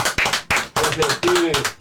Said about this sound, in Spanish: Y bueno, en esta mezcla que tiene siempre la radio en vivo, yo pido un aplauso para Pepe Colangelo, que acaba de llegar.